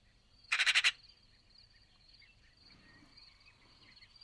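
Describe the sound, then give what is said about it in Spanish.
A Eurasian magpie (Pica pica) in a Tuscan city gives one short burst of harsh, rattling chatter, about five rapid notes. Then a quiet background with a faint steady high buzz, and another call begins right at the end. “La estés escuchando gallear de fondo, que es como se llama en castellano a su parloteo.”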